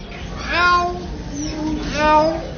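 A talking bird mimics a cat's meow twice, two drawn-out, whiny, rising-and-falling calls separated by a short pause, fairly loud with no speech.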